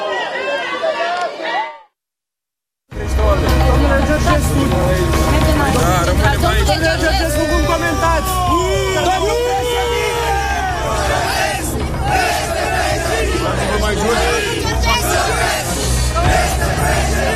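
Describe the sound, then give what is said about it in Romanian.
A dense crowd of supporters outside the central detention facility shouts and yells continuously as a car arrives and enters its gate, many overlapping voices rising and falling loudly, with a low rumble underneath; a brief silence interrupts near the start before the noise resumes. “Îi auziți acum cum urlă, fac asta de fiecare dată când văd că o mașină vine aici și intră pe poarta arestului central.”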